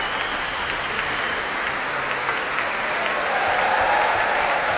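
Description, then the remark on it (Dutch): Sustained applause from a large concert audience for the Rotterdam Philharmonic Orchestra and conductor Lahav Shani, as sections such as the bassoons, flute and trombones are acknowledged, a dense, steady wash of clapping that holds at an even, fairly loud level throughout, with no voices standing out. “Applaus nu voor Fagot, Pieter Nuiten onder andere.”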